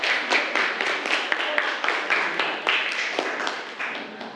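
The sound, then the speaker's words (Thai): A group of students clap their hands together for themselves, a dense, continuous patter of many overlapping claps, steady throughout without any talking. “โอเคครับพร้อมแล้วปรบมือให้กับตัวเองเลยครับนักเรียน”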